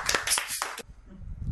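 group clapping hands

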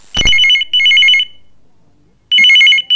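telephone ringing

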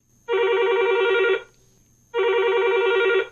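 telephone ringing

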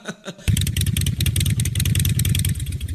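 motorcycle engine revving

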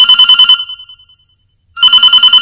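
telephone ringing

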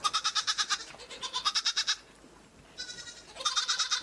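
goat bleating

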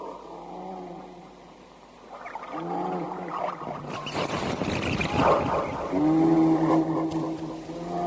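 bear growling

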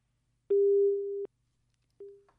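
busy tone

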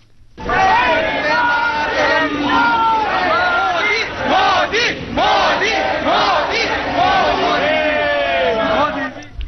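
crowd chanting political slogans

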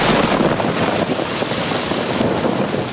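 heavy rain with thunder

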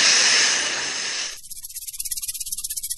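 snake hissing

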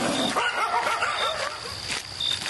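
dogs barking

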